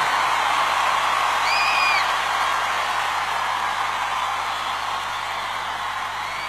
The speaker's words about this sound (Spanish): En un aplauso fuerte